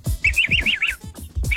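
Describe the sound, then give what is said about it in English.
A quick run of high, bird-like chirps, about five in a bouncing rhythm, fairly loud, over low thumping background noise, with another short chirp at the end. “Sounds like a bird.”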